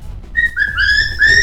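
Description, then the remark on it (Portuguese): A cockatiel whistles a run of clear, sustained notes, mostly steady in pitch with a few short upward slides, fairly loud and ringing, with no talking over it. “A nossa calopsitazinha tá chegando?”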